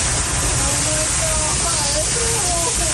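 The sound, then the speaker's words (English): A loud, steady roar of rushing floodwater fills the whole clip, with faint, panicked shouting from a family, partly buried beneath the torrent, as the water rushes toward their property in St. Catharines, Ontario, in the Niagara region, after record-breaking storms. “Shouts of panic and fear as … and her family helplessly watch a virtual river rush towards their St. Catharines, Ontario property”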